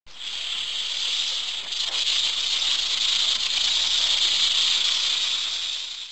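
A long, steady hiss of a large snake crawling forward, loud, holding at an even strength for about six seconds with a slight swell in the middle before tapering off.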